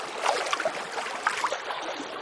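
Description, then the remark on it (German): Water laps and splashes gently against pebbles on a beach, a soft, steady wash with little trickling bursts scattered throughout, fairly quiet with no voices. “Vielleicht am See, vielleicht schwappt auch das Meer so ganz sachte an einen Kieselstrand.”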